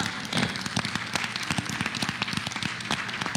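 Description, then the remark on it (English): A church audience claps steadily, many hands producing a dense, irregular patter of sharp slaps that stays fairly even in loudness throughout, with no voices standing out. “But the 25 who I see clapping, let me talk to you”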